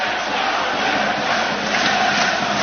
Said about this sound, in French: Les applaudissements des supporters auxerrois, mais ça reste assez timide hein, pour l'instant. Pas une ambiance hyper crispante.